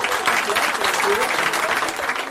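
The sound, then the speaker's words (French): Loud, sustained applause from a sizable crowd honoring someone who passed a difficult diploma, dense clapping filling the space steadily for a couple of seconds with no pause, energetic. “On va lui faire un tonnerre d'applaudissements.”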